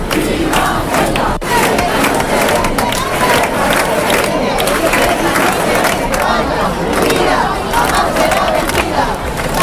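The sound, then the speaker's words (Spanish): A large crowd at a rally in a town hall square in Spain, full of Spanish flags and banners defending Ceuta, shouts and chants against Pedro Sánchez's government and for his resignation, at a loud, steady level, many voices blending into a dense roar with rhythmic bursts of yelling throughout. “Los gritos se sucedieron durante una concentración marcada por el enfado y por el respaldo a los ciudadanos de Ceuta.”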